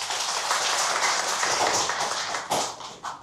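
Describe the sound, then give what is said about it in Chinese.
Sustained audience applause welcoming Zheng Jincheng, a famous Chinese flute and xiao collector and curator of the Guizhou Jincheng Xiao and Flute Museum, a dense steady wash of many hands clapping at even loudness, with a couple of sharper claps standing out near the end as it starts to thin. “掌声欢迎郑金成先生。”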